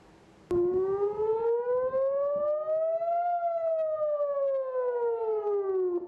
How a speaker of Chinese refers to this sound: 以色列北部部分社区12日至13日早拉响防空警报，以空军称多次拦截从黎巴嫩越境进入以色列的敌对飞行物。